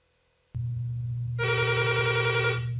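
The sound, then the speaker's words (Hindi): A telephone rings for an incoming listener call, the first call of the day on a radio phone-in programme: a steady low hum starts abruptly, then a bright, sustained electronic ring tone joins and holds for over a second, loud, with no talking. “तो चलिए लेते हैं आज का पहला फोन, देखते हैं कौन सी श्रोता हमसे जुड़ रहे हैं।”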